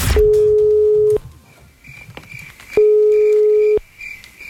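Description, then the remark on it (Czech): A telephone ringback tone sounds twice, each a steady one-second hum separated by a pause of about a second and a half, as a call to a contestant in the 'Otvoreni, show me the money' phone game rings through unanswered. No one speaks. “Marika se nije javila na telefon, što znači da je propustila svoju priliku”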